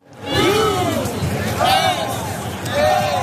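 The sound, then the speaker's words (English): A loud, dense stadium crowd of more than 70,000 roars and chants continuously at a World Cup game between the U.S. and Turkey in sunny Southern California, Los Angeles, many voices rising and falling together in a sustained wash of cheering with swelling waves of shouting. “It was a rowdy crowd of more than 70,000 who turned out in sunny Southern California to see the rare World Cup game that didn't really matter.”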